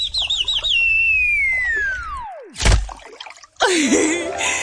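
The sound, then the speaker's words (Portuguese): A sparrow chirps and warbles as it flies past an open window, then a long whistle glides downward into a sudden loud thud, followed by a burst of chaotic, crackling noise. “E como a janela estava aberta, um pardal que ia passar suicida-se.”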